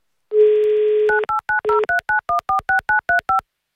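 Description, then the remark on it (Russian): A steady dial tone sounds for about a second, then a quick run of eleven or so short, even touch-tone beeps as a number in Tomsk Oblast, Russia, is punched in for an Avtoradio call-in game, each a clear two-note electronic chirp. “Давайте звонить в Томскую область.”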